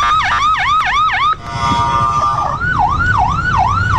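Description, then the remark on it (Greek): Loud wailing air-raid alarm sirens in central Israel with no talking: a quick, repeated rising-and-falling sweep, a brief steady tone, then a slightly slower cycling wail over a low rumble. “Συναγερμός στο κεντρικό Ισραήλ.”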